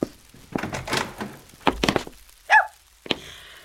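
Heavy fists pound on the wooden door of a boarding house as a press gang demands entry in the name of the king, several loud thuds landing in uneven bursts, with short pauses between the blows and no voices.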